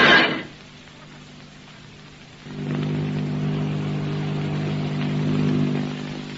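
After a short burst of noise and a quiet pause, the low droning hum of a great silver airship's motors sets in, steady and throbbing, swelling slightly as it approaches to land on a field. No one speaks.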